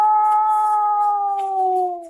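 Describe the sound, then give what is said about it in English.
A single long wolf howl, a hunting call meaning come, let us go hunting, from the Edison cylinder recording The Hunting Wolves made by Ernest Thompson Seton in 1920. It holds a steady, clear pitch that sags slightly toward the end, loud, heard alone over faint crackly hiss. “A long call that means, come, let us go hunting. That is their assembly.”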